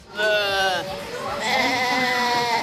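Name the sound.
mother goat bleating loudly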